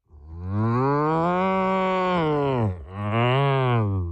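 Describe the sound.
A person gives a loud imitation of a cow's moo in a contest for the best cow sound: one long, drawn-out low moo followed immediately by a second, shorter one, with no other sounds around it.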